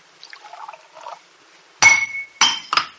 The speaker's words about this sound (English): I don't know. It's strange. The glass, slipped from my hand. For a moment, I had no feeling in my fingers.